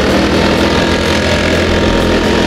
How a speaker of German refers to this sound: Ja, überall so ein bisschen Laubbläser, oder?